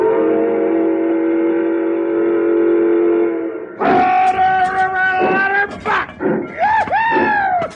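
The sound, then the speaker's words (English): A steam locomotive whistle, blown as the engine starts off, holds one loud, steady chord for several seconds, then breaks into a string of shorter, strong blasts that swoop and bend in pitch. “rope overhead there. I'll take the throttle. You fire, Hank.”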